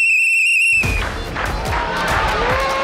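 A loud, steady whistle blast sounds for under a second on an NDTV 24/7 news set, whistles blown in celebration of getting a poll prediction right, then a crowd breaks into cheering and shouting with scattered thumps, the noisy celebration continuing to the end.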